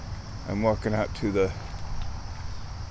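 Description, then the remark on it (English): A frog calls three times in quick succession, short throaty croaks, set against a steady high-pitched drone of insects in the background. “There's a frog.”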